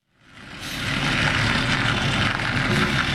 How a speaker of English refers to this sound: It was just another summer morning in Red Hook, Brooklyn, as a white delivery truck turned out of a commercial lot and rumbled down a narrow cobblestone street.